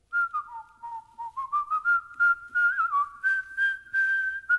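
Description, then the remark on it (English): Someone whistles the tune Dixie, a clear, steady melody of short rising and falling notes with no talking, running for several seconds. “What is Whistling Dixie?”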